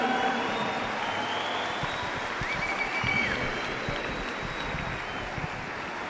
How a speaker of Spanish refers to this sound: Y nuestra orquesta sinfónica de la Universidad Autónoma del Estado de Hidalgo, bajo la dirección del maestro Adalbert Cobán. Fuertes los aplausos, familia universitaria.